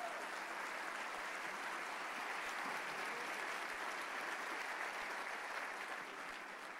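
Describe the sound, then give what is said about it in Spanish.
Sustained applause for Jesus from a crowd, a dense, steady wash of clapping that holds at an even loudness for several seconds with no voices over it. “Sí, ese aplauso es para Jesús.”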